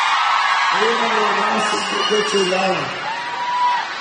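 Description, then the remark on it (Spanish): A crowd of women shouts and whoops together, loudly, with drawn-out voiced yells rising over a constant roar of cheering that continues for the full few seconds. “¡Que sigan gritos de las mujeres!”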